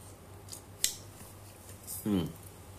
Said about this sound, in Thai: เดี๋ยวขออนุญาตกินน้ำนิดหนึ่งนะครับคอแห้งช่วงนี้อากาศร้อนมาก